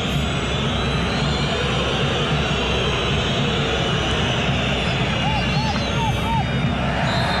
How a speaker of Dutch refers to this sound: Nou, thuis publiek wat aan het fluiten.